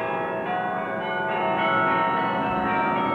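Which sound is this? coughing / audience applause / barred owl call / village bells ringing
village bells ringing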